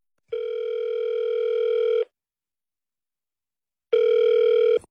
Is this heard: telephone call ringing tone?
yes